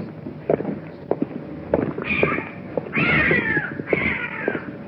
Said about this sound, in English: A cat. What is that? It's a cat. Is that what it is?